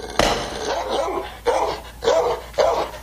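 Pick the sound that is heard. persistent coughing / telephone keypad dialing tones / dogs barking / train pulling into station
dogs barking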